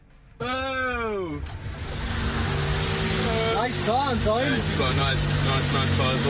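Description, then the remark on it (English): A car engine, the car of footballer Antoine Semenyo, suddenly revs up loud, its pitch sweeping up then dropping, followed by a steady engine rumble as people talk over it. “Nice car, Antoine. Yeah, you've got a nice, nice car as well, mate.”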